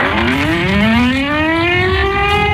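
Civil defense sirens in Warsaw, Poland, sounding at 17:00 to mark the anniversary of the Warsaw Uprising, wail steadily, their pitch slowly rising in a long, loud, continuous tone that carries over a broad wash of city noise, with no voices.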